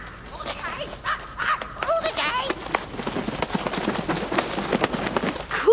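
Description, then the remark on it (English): Repeated harsh squawks and chattering calls from a parrot named Winifred ring out in quick, irregular bursts, mixed with steady background noise and some voices. “Parrots love it. Polly wants some popcorn?”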